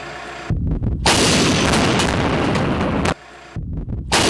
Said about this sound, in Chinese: 一轮火力压制后，无人机升空判断毁伤情况，通报目标位置，由火箭炮分队再度实施毁伤。